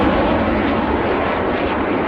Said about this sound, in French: Ce bruit des CT-114 Tutor, les Canadiens ne l'entendront plus après la saison 2026. Les appareils des années 60 partent en retraite forcée,